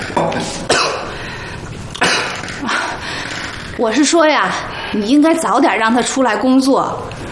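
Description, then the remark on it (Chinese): A few sharp coughs from a person who has a cold, spaced out over the first few seconds, followed by a voice speaking or making voiced sounds. “你咳嗽什么呀？”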